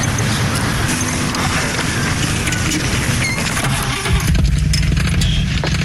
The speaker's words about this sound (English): you ever owned a car before? No. I just got my license. Start her up.